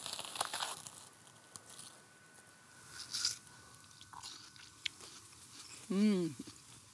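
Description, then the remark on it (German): Wet, crunchy bites into ripe watermelon, a few juicy chomps and chewing spread over several seconds, followed by a short hummed murmur from a voice near the end. “Das ist Sommer zum Reinbeißen, oder?”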